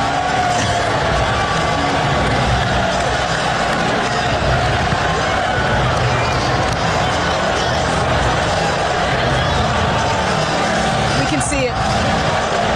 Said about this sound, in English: That long break, you can hear the Knicks fans, and there were a ton of them in the building, by the way, cheering in the background.